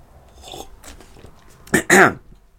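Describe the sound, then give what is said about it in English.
A quiet sip of coffee: a soft slurp followed by a louder airy gulp-like draw, with faint mouth and cup noises before it. “I'm just going to take a sip of coffee.”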